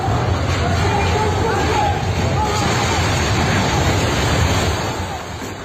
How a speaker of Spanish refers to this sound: Gritos y un estruendo enorme del momento en el que el edificio se cae, se desploma por completo.